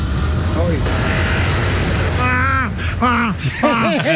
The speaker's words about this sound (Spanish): Y escucha el avión.